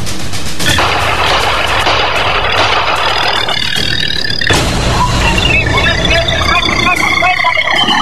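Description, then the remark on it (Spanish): A motorcycle carrying two men, in security camera footage on Avenida Pacasmayo, idles with a steady, loud low rumble throughout, while muffled voices and street commotion mix in, and a faint rising whine appears in the second half. “Aparece una motocicleta con dos hombres en ella.”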